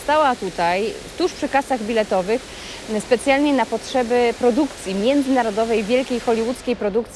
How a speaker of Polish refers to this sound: Jesteśmy właśnie na dworcu Łódź Fabryczna i ten szum, który Państwo słyszą na pewno w tle, no nie jest takim codziennym dźwiękiem, który możemy usłyszeć właśnie w przestrzeniach dworca, no ale to jest specjalna okazja, bo to jest dźwięk fontanny,